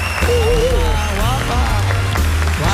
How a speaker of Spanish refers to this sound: Y otro gran aplauso